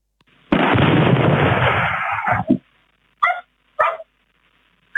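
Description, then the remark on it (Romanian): A loud, roaring explosion as an object strikes the ground and forms a large crater, erupting suddenly and rumbling for about two seconds before cutting off, followed by a few sharp dog barks in the quiet that follows. Recorded by a local surveillance camera. “La impactul cu solul s-a produs o explozie și s-a format un crater de dimensiuni considerabile.”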